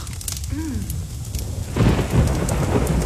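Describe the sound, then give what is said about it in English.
Steady pouring rain of a Victoria winter hisses throughout, with a deep rumble of thunder swelling midway and rolling on, loud, over the downpour. A faint tonal chirp rises briefly early on. “Kind of pouring.”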